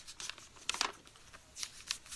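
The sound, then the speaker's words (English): A page being turned and flipped: a few soft, crisp papery rustles in quick bursts, with a brighter swish near the middle and another toward the end, quiet and with no voices. “A page being turned and flipped.”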